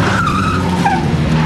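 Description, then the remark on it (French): Four Traction Avant cars carrying members of the Lyon Gestapo led by Klaus Barbie roar in at speed to Dugoujon's house over a low engine rumble, tires skidding with a sustained high squeal that wavers and slides in pitch, loud throughout with no voices. “Quatre tractions avant arrivent en trombe.”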